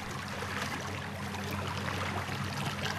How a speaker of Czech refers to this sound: Gledam kako se valja Atlantski ocean